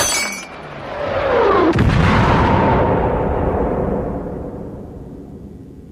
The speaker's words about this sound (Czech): Přišel jsem k sobě krátce po výbuchu bomby v přízemí, v kuchyni. Zmizela celá přední stěna domu